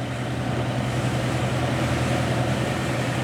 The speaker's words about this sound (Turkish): Kesinlikle bir motor sesi duyuyorum. Evet. İşte bir tekne geliyor.